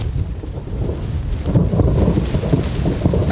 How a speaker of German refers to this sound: Da bist du nicht sicher vor dem Unwetter. Ein heftiger Blitz zuckt am Himmel.